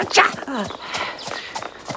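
Horse hooves clip-clop in a steady, even rhythm at a walking pace, with a brief vocal sound over the first half second, as riders travel on a black stallion, a white horse with a black mane and a brown-and-white pony.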